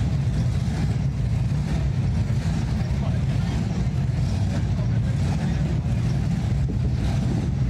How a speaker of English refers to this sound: The sounds of engines revving throughout Kearney as the Show and Shine took over the bricks. The classic hot rods paraded up and down 2nd Avenue into the night hours.